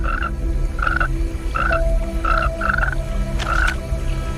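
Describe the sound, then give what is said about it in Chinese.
A large tree frog croaks in six short, nasal bursts at a fairly even rhythm, each one clear and moderately loud over a steady low background rumble. No one speaks. “这只大范树蛙通过皮肤探测到了空气中的变化，它敏锐的感官发出警报，一场生死搏斗即将开始。”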